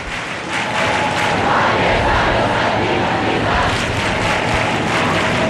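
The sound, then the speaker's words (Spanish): A large crowd in the Puerta del Sol square in Madrid sings together, clapping and raising their arms, a steady, loud roar of many voices with faint melodic lines and scattered clapping mixed into the dense wash of noise. “Incidente, esto hay que reseñarlo, está desplegado ese cordón, están esos agentes de policía, pero no hay ningún incidente, es solo gente cantando, tocando las palmas y levantando los brazos.”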